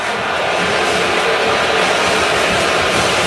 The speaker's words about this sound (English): There's a smattering of boos here as the field goal unit comes out. Or they're booing a no-call here that Dupree was upset about.